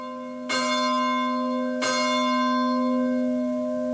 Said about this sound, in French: Et notre prière se poursuit, vous entendez les cloches de l'Angélus.